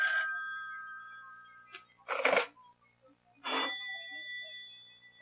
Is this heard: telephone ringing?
yes